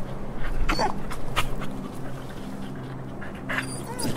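A stray dog whimpers and pants, with short breathy bursts and a few high thin whines scattered across a few seconds over a low background hum, as it begs for someone's sandwich.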